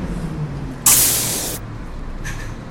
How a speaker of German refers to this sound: Bushaltestelle? Ah, ja. Linie 12. Ah, da kommt der Bus schon.